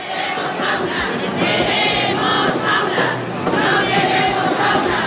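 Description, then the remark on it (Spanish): A large crowd at the Marchas por la Dignidad through the streets of Murcia, Spain, chants and shouts together. Hundreds of people from 50 social groups make a dense, steady roar of many voices, with rising cheers and whistles cutting through, loud and continuous throughout. “Un año más, las marchas por la dignidad recorrieron las calles de Murcia.”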